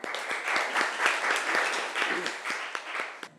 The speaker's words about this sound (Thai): เดี๋ยวมาดูว่ากลุ่มสุดท้ายกลุ่มที่5วันนี้นะครับมีผลงานรูปแบบไหนมานำเสนอให้พวกเราได้รับชมกันนะครับขอเสียงปรบมือให้กลุ่มที่5ครับ